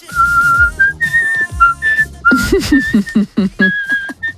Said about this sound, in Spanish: Mira, para la banda del patio se puede venir. Con lo bien que silba. Cuidado, que va subiendo.